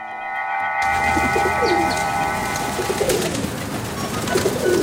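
A large flock of pigeons passes overhead in the sky over Beijing, a steady layered whistling drone rising in after a brief pause and holding fairly loud over a busy fluttering rustle, with no one talking.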